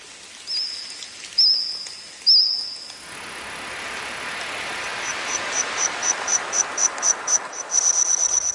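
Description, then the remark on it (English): Insects chirp and trill in a recreated Jurassic-period forest, the soundtrack of the Steven Spielberg series The Dinosaurs: three drawn-out buzzing trills at first, then a steady run of rapid, evenly spaced chirps rising in loudness over a soft, hissing background. No voices. “Insects chirping, trilling and squawking there, making up the soundtrack of a new Steven Spielberg series called The Dinosaurs.”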